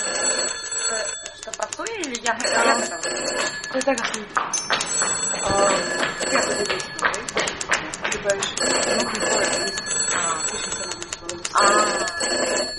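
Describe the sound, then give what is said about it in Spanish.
Several telephones ring at once in rapid, overlapping electric bursts, loud and insistent, with voices talking busily underneath throughout. “podedes coller os malditos teléfonos?”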